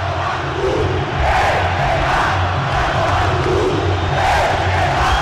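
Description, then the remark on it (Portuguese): A large stadium crowd of football fans chants a message in unison at a player, a loud, continuous roar of voices with a rhythmic, swelling pulse that fills the space without a break. “a torcida tem um recado pra você.”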